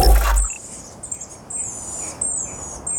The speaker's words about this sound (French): vous nous faites à nouveau écouter un bruit d'oiseau, celui-là c'est le miro des îles Chatham. Et on l'entend grâce à la base de données Xenocanto.